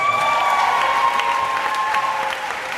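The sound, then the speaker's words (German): An audience at the German Book Prize 2026 award announcement breaks into sustained applause and cheering, dense clapping at steady loudness with a few whoops riding on top, no one speaking over it. “Der Titel ihres Romans wird von dem Jubel der Anwesenden verschluckt.”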